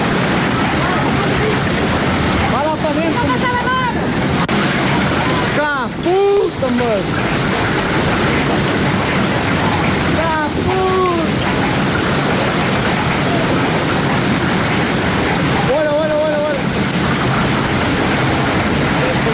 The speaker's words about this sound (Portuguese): hoje sábado, acontece esta situação em que chove e cai granizo desta forma. Vamos ver e ouvir também este vídeo que chegou aqui à relação da CMTV.